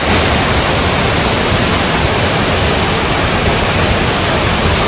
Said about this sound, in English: Those are waterfalls. I drove an hour and 45 minutes about southeast of Nashville and went to a state park where there's waterfalls.